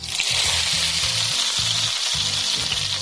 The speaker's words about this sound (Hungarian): és utána pedig serpenyőben olívaolajon ki fogom sütni.